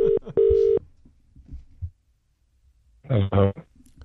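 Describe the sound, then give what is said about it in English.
A phone line's ringing tone sounds once as a radio show places a 6:40 a.m. call to a baker, a quick double burst, followed by faint rustling and then a brief muffled voice answering. “Yeah, so we called him early this morning to see how his pies were going, and this was his reaction.”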